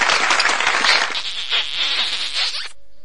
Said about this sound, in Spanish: Aplausos para las chicas de las farmacias, ¿por qué no? Aplausos, besos para ellas, por favor.